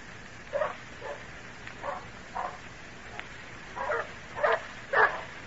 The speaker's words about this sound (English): Badger, Rufus, Barney, come here. Stop that barking. Lie down. Be quiet, will you?